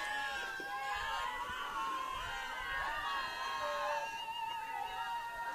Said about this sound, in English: The Wolverines bench getting loud. You can hear them cheering Ashley Pavic on.